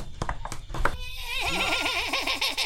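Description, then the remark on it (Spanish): A horse whinnies loudly, a long quavering neigh that wobbles up and down in pitch, preceded by a few sharp knocking thuds. “Habían caballos donde andábamos y montábamos caballo.”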